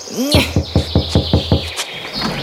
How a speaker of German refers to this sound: Wir klopfen jetzt gleich mal.